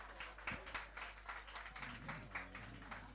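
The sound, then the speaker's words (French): A show audience applauds steadily at the start of a singer's performance, a dense wash of many hands clapping at once with a few sharper claps standing out, while a low hum and murmuring sit underneath. “J'espère que vos applaudissements vont lui aller tout droit là-haut, et je vais vous chanter pour commencer le spectacle.”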